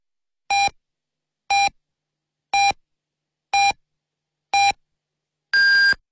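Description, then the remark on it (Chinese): A radio time signal marking 18:00 Beijing time on Lishui Radio and Television's comprehensive broadcast: five short, evenly spaced beeps one second apart, then a longer, higher-pitched final beep, loud and clear with silence between and no talking. “北京时间18点整，丽水广播电视台综合广播为您准确报时。”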